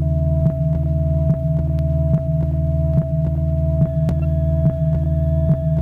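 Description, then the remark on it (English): A steady electronic drone from the headphones of a tuned mine detector (amplifier with headphones, handle with tuner, coil box), a soft hissing hum with faint regular clicks roughly every second, continuous and unchanging with no voices. “When the detector is tuned, a soft hissing sound is heard on the headphones, like this.”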